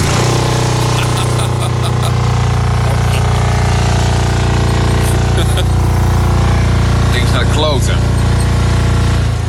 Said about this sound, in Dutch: Daar zit een aanjager in. Die zorgt ervoor dat de lucht zeg maar verplaatst wordt in de auto. Nou, dit gebeurt.